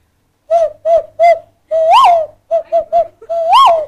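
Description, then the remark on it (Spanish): A person's voice imitates a pigeon's cooing: three short hooting coos and a longer swelling one, then the same pattern again, fairly loud with no other talking. “A ver el sonido de paloma, bájame todo.”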